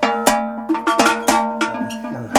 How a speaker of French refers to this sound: c'est le son que vous préférez ouais, ouais. Mais c'est parce que c'est des cloches qu'on met vraiment que pour monter à la montagne.